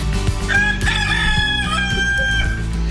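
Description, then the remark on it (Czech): A rooster crows once, loud, its strained call rising and stretching out for about two seconds over a steady low background hum, with no one speaking. “Ano, to je jenom kohout za kokra, pardon, on je nějaký náruživý, nejde mi vypnout.”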